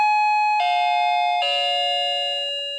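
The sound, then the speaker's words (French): A doorbell chime rings three descending notes, each struck tone sustaining and overlapping the next before slowly fading. It's loud, with no voices. “Un ascenseur, une sonnette, deux maisons, une pharmacie.”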